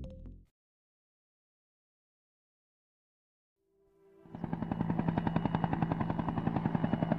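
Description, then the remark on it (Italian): After a short burst and a stretch of silence, a helicopter sound effect swells in, its loud, steady rotor chop pulsing rapidly alongside rattling gunfire-like bursts, with no voices. “Petrolio, divertiti con elicotteri e bombardieri scatenati, truppe speciali, villaggi di profughi, bombe a frammentazione e soprattutto petrolio, tanto petrolio.”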